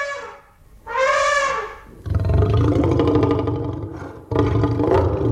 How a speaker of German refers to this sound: Ich weiß zum Beispiel, dass es bei dem T-Rex in Jurassic Park Laute von Elefanten und von Löwen sind, die irgendwie kombiniert worden sind.